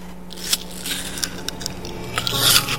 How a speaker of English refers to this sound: This kid's chewing apples like a horse. All right. Shout out. Why are you chewing? Do an ASMR chew noise into the mic. Oh, hold on. Let me put your mic up all the way.